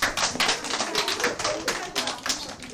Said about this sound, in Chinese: 真棒！好，掌声。